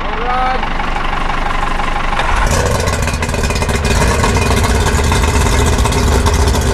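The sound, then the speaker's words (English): A heavy diesel tractor engine idles loudly, then at about two and a half seconds it surges and roars steadily as it pulls under load, with a rough, continuous rumble throughout, as the tractor and carriage launch the Yaw lifeboat. “Since 1996, Yaw Lifeboat has been launched using a tractor and carriage, which allows the lifeboat to be launched and recovered in all states of tide.”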